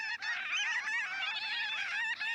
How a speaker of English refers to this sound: Look up, a large flock of birds. They're the size of gulls, but a lovely tawny brown with bright cinnamon-colored underwings. The flock's dropping to the mudflat, canting down in orderly waves, shouldering together in a dense mass.